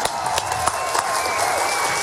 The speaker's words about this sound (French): Et pour cela, il est accompagné, on applaudit Claude, il est accompagné de Flavio et de Michel aux caméras.